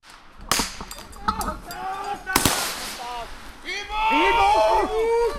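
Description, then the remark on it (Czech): Sharp blasts and bursts of gunfire crack out, with a big bang midway, while voices cry out and shout in distress throughout, growing louder toward the end, during a soldiers' exercise simulating an attack, on a smoke-covered road in woods near the Dukovany nuclear power plant; the cries are groans of the simulated wounded. “Slyšet jsou nejenom výbuchy, ale také sténání raněných.”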